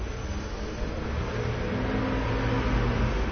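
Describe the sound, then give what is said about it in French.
A city bus on route 63 rumbles past on a street, its low engine drone steady and fairly loud, with continuous traffic noise around it and no voices. “Passe un 63”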